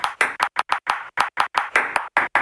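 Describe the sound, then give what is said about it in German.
A rapid, irregular series of sharp table tennis ball taps, grouped in short and longer bursts tapping out a Morse code message, with no talking over them. “Sind Sie ein schüchterner Mensch, aber können gut Tischtennis spielen? Dann morsen Sie doch einfach.”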